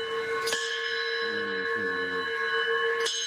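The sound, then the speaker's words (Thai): A metal school bell at a tourist spot in Siriporn 3 village, Khon Kaen, Thailand, on a sunny day, is struck twice, about two and a half seconds apart, each sharp clang leaving a bright, sustained ringing tone that hangs through the whole clip. “นี่เคาะระฆังนักเรียนแล้วนะ”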